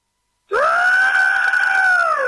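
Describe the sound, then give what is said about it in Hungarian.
A person imitates the shrill screech of a pterosaur: one loud, drawn-out vocal cry that starts abruptly after a moment of silence and holds steady for about two seconds. “De nem, én arra madára gondolok, tudod, az a repülősárkányik.”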